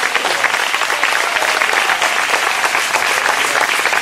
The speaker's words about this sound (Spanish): Alabe a Dios si puede en esta hora. Dele fuerte ese aplauso si es para él.